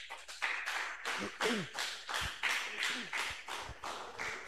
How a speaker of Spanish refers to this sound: Ardele un fuerte aplauso para el Señor Jesucristo. A ver, todos, hermanos. Alábelo al Señor Jesucristo.